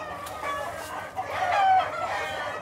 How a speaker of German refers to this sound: Bruthennen haben mehr Stress als Legehennen. Der Hahn und sein Tretakt ist hier allgegenwärtig.